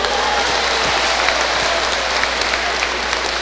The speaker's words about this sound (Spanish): Los nazarenitos, muy bien, un aplauso.